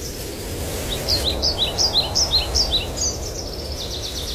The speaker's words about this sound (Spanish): Los pájaros cantan desde lo alto y el sol se asoma entre las hojas, dejando pequeños rayos de luz sobre el suelo.